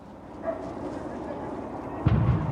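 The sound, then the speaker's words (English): A single dull, muffled explosion from a burning articulated bus booms near the end, heavy and low, over a steady rumble of outdoor background noise with faint indistinct voices, in Northern Ireland. “Yeah, you may be able to hear another explosion's just gone off here. I think that is that bus that is burning.”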